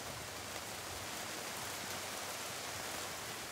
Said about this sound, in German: Regen, über den sich diesen Sommer eigentlich jeder Gärtner freut.